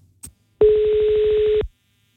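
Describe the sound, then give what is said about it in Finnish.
A short click, then a single steady ringback tone of about a second from a telephone line, fairly loud and clear, with no voices present, as radio station Radio 957 calls the winner of tickets to Pate Mustajärvi's memorial concert at Nokia Arena. “Soitetaan nyt voittajalle, joka saa Paten muistokonserttiin liput.”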